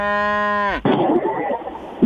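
A cow lets out one loud, sustained moo, its pitch sagging as it ends, followed by a rough, noisy jumble of farmyard sound.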